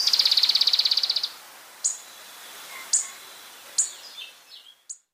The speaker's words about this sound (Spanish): El trino del atlapetes bigotudo forma parte del Banco de Sonidos de Aves Colombianas, recopilado por el Instituto von Humboldt y la Universidad de Cornell.